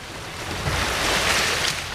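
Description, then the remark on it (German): Soft, steady wash of sea water lapping at the harbour of Zanzibar, a broad gentle rush with slight swells in loudness and a faint breath of wind, no voices. “Sanft wogt das Wasser am Hafen von Sansibar. Bis auf das Meeresrauschen ist nichts zu hören.”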